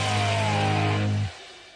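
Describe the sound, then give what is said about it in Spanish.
A loud car engine revs hard in first gear on a drive to Mar del Plata, holding a high, strained drone with a steady harmonic whine, then cuts off abruptly, leaving only faint background hiss. “Fui a Mar del Plata, viajé en primera, hice pelota al motor del auto.”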